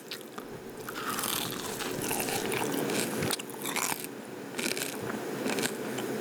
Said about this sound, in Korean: 그거 참 고소하고 바삭하고 딱. 자, 아니, 이게 누룽지가 밑에 깔려 있어가지고, 응? 엄청 바삭해요.